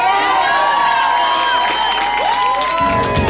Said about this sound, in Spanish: Otro aplauso